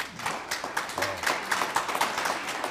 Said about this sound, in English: Wow. Well, they're clapping. They're trying to tell us that we're done with another segment.